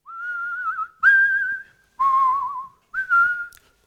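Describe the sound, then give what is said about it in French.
Someone whistles a melody in four clear phrases, each a sustained, slightly wavering tone with short pauses between, close and fairly loud with no talking. “Parce que tu siffles une chanson”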